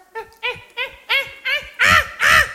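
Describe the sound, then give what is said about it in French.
A man's voice imitates caveman grunts: seven short, guttural bursts in a steady rhythm, clear, with the last two growing louder and rougher. “Les hommes des cavernes communiquaient par grognement.”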